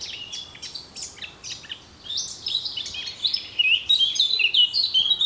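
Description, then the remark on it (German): Birds chirping and twittering in a lively chorus, rapid high tweets overlapping and growing busier and louder toward the end, with no voices present. “Ob Gequake oder Gezwitscher, Idylle ist doch Hauptsache im Grün.”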